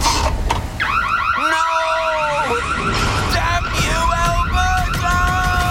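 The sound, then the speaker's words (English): An Alberta home security system alarm blares loudly and continuously, an electronic siren cycling through rapid warbling tones with a rising, sweeping pitch that repeats in quick pulses. “The police have reported a significant decrease in break-ins this week, and Smooth Sam seems to have met his match, an Alberta home security system.”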